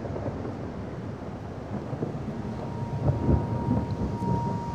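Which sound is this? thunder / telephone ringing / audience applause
thunder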